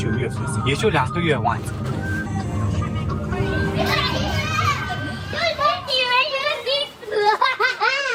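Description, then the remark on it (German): A crowd of primary schoolchildren of different ethnicities chattering, shouting and giggling at a school exit a few kilometres from a monastery, where parents wait to pick them up; a lively, continuous din of high young voices, with faint traffic in the background. “Ein paar Kilometer vom Kloster entfernt eine Schule. Grundschulkinder unterschiedlicher Ethnien. Am Ausgang stehen Eltern, die ihre Kinder abholen wollen.”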